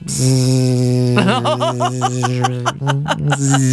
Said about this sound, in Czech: Tak to by byl pořádný komár teda tohleto, to by byl pořádný. Vy ho prostě nemůžete najít, někde tam ten parchant je.